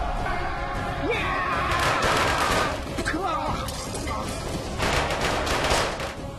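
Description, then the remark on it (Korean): A dense battle soundscape of rapid gunfire volleys and heavier cannon blasts, continuous and loud throughout, with shouting voices mixed into the chaotic din, depicting the British army with modern cannons and guns defeating the Qing army in the war between Britain and Qing China. “신식 대포와 총을 가진 영국 군대에게 청나라 군대는 무력하게 당하고 말았지.”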